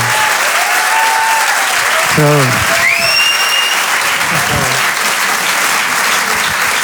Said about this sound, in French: Merci beaucoup. Merci beaucoup. On peut l'applaudir. Merci très très fort